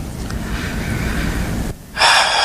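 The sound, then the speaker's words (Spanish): Mexico national team goalkeeper Guillermo Ochoa sobbing and trying to hold back tears at the World Cup: a long, shaky, congested breath, a brief hush, then a sudden loud gasping inhale. No words are spoken. “Escucha la emoción, las lágrimas, el llanto tratando de contenerlo, los sollozos.”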